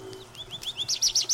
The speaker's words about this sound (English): It is spring. The birds of a full song. Woods and fields, gardens and shade trees resound with their music. Each species has its characteristic song. Over and over again, it sings the same little musical phrases.